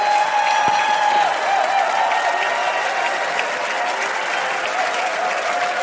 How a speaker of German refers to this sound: Und da gibt es einen riesen Applaus